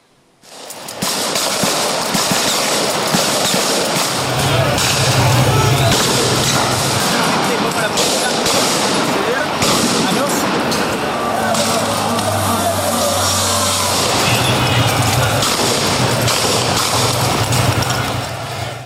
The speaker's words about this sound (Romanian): Protestele s-au încheiat cu confruntări violente între manifestanți și jandarmi.